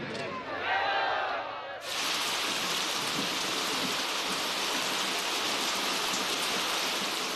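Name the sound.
rain falling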